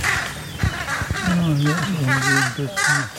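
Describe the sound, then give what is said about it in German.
Harsh, raspy alarm calls of carrion crows repeat in a rapid overlapping series, several birds cawing loudly, with wings flapping, over a steady outdoor background. “Akustisch haben die Kollegen natürlich auch Alarm gemacht. Hör mal, die Rabencreme.”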